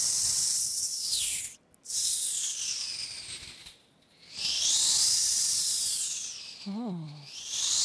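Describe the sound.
A beatboxer imitates the highest-frequency sounds as a loud, bright hissing noise in three long breathy bursts separated by short gaps, ending with a brief low hum.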